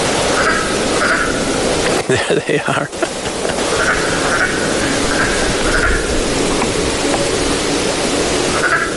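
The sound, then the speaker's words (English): A dense chorus of male frogs calling to the females, a steady pulsing trill that fills the whole recording, with a person speaking briefly near the start over the calls. “This is the only time they vocalize, males calling to the females.”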